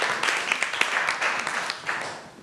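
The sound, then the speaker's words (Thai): A group of students in a class applauding to encourage the first group before it presents its activity results, a steady patter of many overlapping hand claps with occasional sharper individual claps standing out, moderately loud throughout. “กลุ่มที่หนึ่งนะคะขอเสียงปรบมือเป็นกำลังใจให้เพื่อนของเราก่อนค่ะ”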